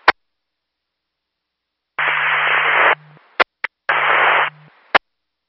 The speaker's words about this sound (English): 9, your radio static, 12-5.